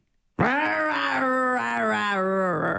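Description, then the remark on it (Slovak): A woman imitates a lion's roar: one loud, sustained, strained vocal growl that begins abruptly after a moment of silence and holds for over two seconds, wavering slightly in pitch. “A prečo si nerobila ty toho leva?”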